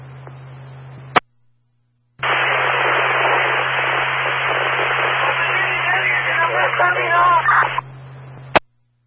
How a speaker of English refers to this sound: They're 10-1, only static heard.